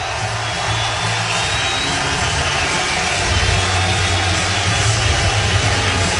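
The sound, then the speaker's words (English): A huge stadium crowd of over 34,000 at Comerica Park in Detroit stands and gives an ovation as pitcher Tarik Skubal leaves the mound: a loud, unbroken roar of cheering and applause that holds steady for the whole stretch, with no one speaking over it. “Line drive single, Henderson scores, and you are going to hear a huge ovation, 34,000 plus on their feet here at Comerica Park.”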